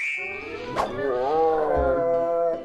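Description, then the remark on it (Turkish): A hungry tiger's roar, loud, rising into a sustained, wavering growl that lasts about two seconds after a brief click near the start. “Kaplanım acıkmış.”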